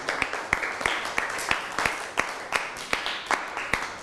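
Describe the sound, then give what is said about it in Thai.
A class of children claps together for a classmate, a steady, fairly brisk beat of sharp claps with scattered softer claps filling the gaps, sustained for several seconds without talking. “นั่งลงได้ครับปรบมือให้เพื่อนหน่อย”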